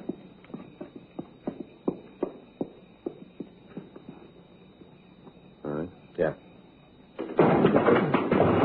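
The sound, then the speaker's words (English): Police officers kick in the front door of a building: after a run of steady, evenly spaced footfalls and a couple of short bursts, a loud sustained crash of noise erupts and fills the final second. “You got no right coming around kicking doors all right, in.”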